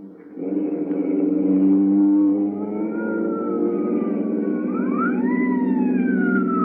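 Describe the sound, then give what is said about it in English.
A loud wailing alarm siren rises and falls continuously over a steady engine rumble, sweeping pitch up and down for several seconds with no talking. “That's the alarm. They'll be after us.”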